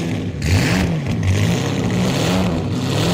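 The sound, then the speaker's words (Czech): A car engine revs as the throttle is pressed, its low drone rising and falling in pitch in a couple of swells before settling into a steady, loud hum. “Poslouchej, když se šlápnul plyn”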